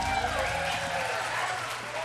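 A concert crowd at the Capitol Theater in Bowling Green claps steadily for a band at the Lost River Sessions, the dense, crackling applause holding at an even, fairly loud level throughout, with a faint low hum underneath and no one speaking.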